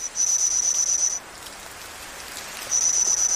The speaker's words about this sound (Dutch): Op basis van fossiele resten van deze insecten heeft een team Engelse en Chinese wetenschappers deze geluiden weten te produceren.